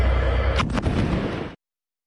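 Loud, heavy booming blasts of an Israeli warplane airstrike with bunker-buster missiles on Kfar Rumman in the Nabatieh region of Lebanon, with a rumbling low end, a couple of sharp cracks standing out midway, then the sound cuts off abruptly after about a second and a half.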